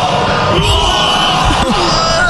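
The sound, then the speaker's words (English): A man bellows and yells excitedly over a loud, dense crowd roar, his hoarse shouts rising in short bursts above the constant cheering noise. “That guy's just screaming, hey?”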